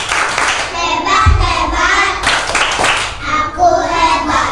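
A group of children in a studio claps their hands in a steady rhythm, doing the "Tepuk Anak Hebat" clapping chant led by a teacher, the sharp claps mixed with their loud voices chanting "Hebat, hebat" along throughout.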